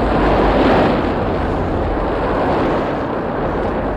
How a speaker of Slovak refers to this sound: Pozor, nová vlna! Rýchlo dolu!